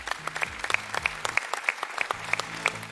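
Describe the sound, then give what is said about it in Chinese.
A TV studio audience claps steadily to welcome a professor from Beijing University of Chinese Medicine, many hands producing a dense, even wash of applause with sharp individual claps popping out regularly, plus a faint low musical tone underneath. “来，掌声欢迎他。”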